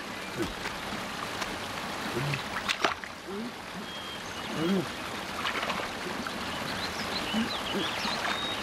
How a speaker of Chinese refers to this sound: 这我怎么听见前面有水声啊？